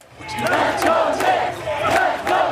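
Hundreds of people on a sidewalk in Manhattan, New York, cheer and shout continuously for the New York Knicks basketball team while watching a small TV outside a bodega, a dense roar of many voices with repeated surging swells and sharp bursts of yelling, loud throughout.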